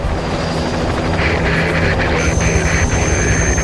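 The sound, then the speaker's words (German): A helicopter of the Magdeburg helicopter squadron takes off for a search, its engine roaring steadily and loudly, a dense rumbling drone with a high whine rising partway through as it powers up, with no voices over it. “Die Hubschrauberstaffel aus Magdeburg hebt ab.”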